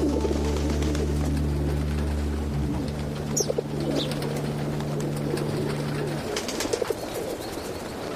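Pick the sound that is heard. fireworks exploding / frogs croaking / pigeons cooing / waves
pigeons cooing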